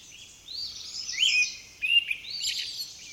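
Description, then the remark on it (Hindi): Several birds chirp and twitter continuously in the evening in early spring, while the weather is still cold, their high, bright calls overlapping in quick bursts, with no voices present. “शाम को पक्षियों की चहचहाहट सुनाई देने लगी है।”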